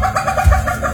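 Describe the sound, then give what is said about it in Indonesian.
A palm civet's laugh-like call, made partly with the hyoid bone in its neck and used to attract other civets in mating season: a quick series of throaty, cackling pulses repeating in steady rhythm, fairly loud with no other sounds around it. “Suara mirip tertawa ini bisa muncul salah satunya berkat tulang hioid di leher musang.”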